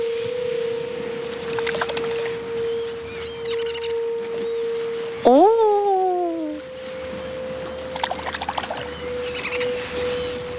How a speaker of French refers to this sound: tu entends le chant des sirènes ?